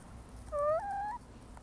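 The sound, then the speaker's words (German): A single drawn-out chicken call, two connected tonal notes lasting under a second, moderately loud over a quiet background hum, with no talking, from chickens kept at a community chicken project in Hermeskeil. “Aber nicht nur für Kinder ist das hier ein ganz besonderer Ort geworden, sondern auch für Erwachsene, für Passanten, die einfach hier vorbeigehen oder für Menschen wie mich, die hier bei den Hühnern einen Rückzugsort gefunden haben.”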